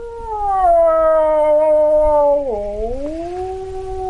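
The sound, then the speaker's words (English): A wildlife expert's voice imitates a typical wolf howl in his home, a traditional hut in a remote Ukrainian village on the edge of the Polesia Nature Reserve near the Belarusian border: one long sustained tonal wail that slowly falls, dips sharply, then rises again, loud with no other sounds. “demonstrates a typical wolf howl.”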